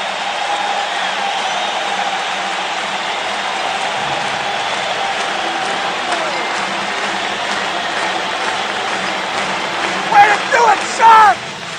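A big hockey arena crowd at San Jose Arena stands to give the Sharks a standing ovation as the second period ends. The roaring and applause form a steady, dense wash of cheering and clapping, with a few sharp whistles and louder shouts rising near the end.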